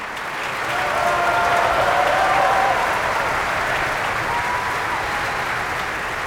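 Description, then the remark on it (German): Sustained applause from a large opera audience at the Bayreuth Festival for Hungarian mezzo-soprano Anna Kisjudic, who sang Fricka, a dense steady wash of clapping that swells in the first seconds and holds at full strength, with no talking over it. “Und hier wird applaudiert für die ungarische Mezzosopranistin Anna Kisjudic.”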